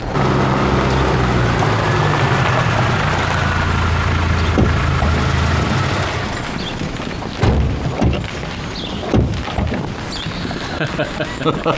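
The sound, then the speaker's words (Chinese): A steady engine rumble fades out, then firecrackers set off for Chinese New Year's Eve crack off in scattered, irregular bursts, several sharp pops with faint background noise between them. “哎呦，这鞭炮都放起来了。”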